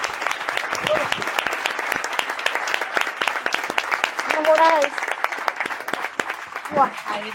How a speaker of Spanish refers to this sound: Y un fuerte aplauso a esta primera mesa.